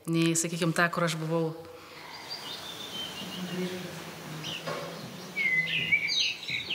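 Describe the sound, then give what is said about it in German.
A voice talks briefly at the start, then assorted chirps and tweeting calls of various birds play over a soft background hiss inside a hotel building, with higher whistled notes growing busier toward the end. “Beinahe überall im Gebäude sind unterschiedliche Vogelstimmen präsent.”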